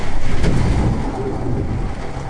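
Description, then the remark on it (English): Loud, steady roar of Hurricane Isaias's wind, gusting above 70 miles an hour, with sheets of heavy rain lashing against a window, a dense rush of noise that swells slightly in gusts, with no one speaking. “Sheets of rain were pounding the window like a fire hose. Wind gusts here topped 70 miles an hour.”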